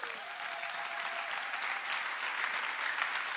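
A steady wash of audience applause, many hands clapping densely and evenly at a fairly quiet, constant level for a few seconds, with no voices standing out.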